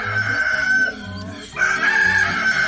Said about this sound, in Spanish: ¡Ey, levántese a ver que ya cantó el gallo!